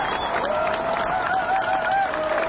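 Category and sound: crowd, crowd applause fading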